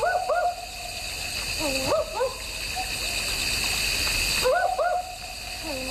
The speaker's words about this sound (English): We were speaking earlier about the barking owl on the program. You might have heard this.